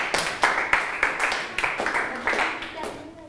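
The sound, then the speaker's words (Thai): A group of grade 6 students in a lesson clap loudly for themselves after answering questions correctly, loud, bright slaps overlapping into a fairly steady, uneven rhythm before tapering off slightly at the end. “ถูกต้องครับสามารถตอบได้ถูกทั้ง3ข้อเลยปรบมือให้ตัวเองดังๆได้เลยครับ”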